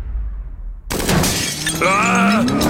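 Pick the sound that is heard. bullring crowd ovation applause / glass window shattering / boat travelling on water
glass window shattering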